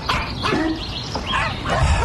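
A dog barks several times in quick, uneven bursts, fairly loud, with a steady noisy background and no talking.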